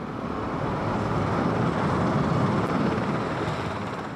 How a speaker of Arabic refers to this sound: مشاهدينا، ونتابع الآن هذه الصور مباشرة لمغادرة طائرة رئيس الأمريكي دونالد ترامب العاصمة واشنطن باتجاه الصين.